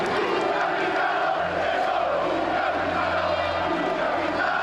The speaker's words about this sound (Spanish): Cuando el féretro hizo su aparición, el tiempo pareció detenerse. Un aplauso cerrado y estrenduoso que se prolongó por más de 6 minutos rompió el aire. No eran aplausos de lamento, sino de reverencia.